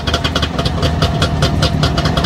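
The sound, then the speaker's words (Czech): A Trabant's small two-stroke engine runs steadily at a Trabant meet near Jičín, its rattly, buzzing idle pulsing rapidly with a raspy, uneven beat, loud and continuous with no voices. “Dvojtakt. Trabantík. To je vozidlo.”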